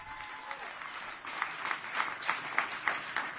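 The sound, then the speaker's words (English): Audience applause during a speech by Republican Ohio governor candidate Vivek Ramaswamy fills the space with dense, steady clapping, swelling into a series of rhythmic bursts toward the end, like a crowd settling into unified claps. “The other, I'll take applause for that.”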